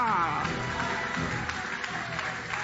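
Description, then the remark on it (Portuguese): An audience applauds in a steady, dense wash of clapping, with raised voices and cheering mixed in throughout. “Quem crê na palavra dele, joga a mão para cima e aplaude.”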